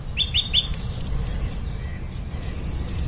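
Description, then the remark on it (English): Shrill, high-pitched screeching of swifts in quick repeated bursts, a cluster early on and another near the end, over a low outdoor rumble, in Northumberland during a warm summer. “Tom Cadwallader's been watching the shifts of screeching swifts, the amazing speed kings of the sky”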